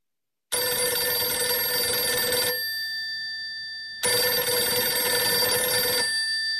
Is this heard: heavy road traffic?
no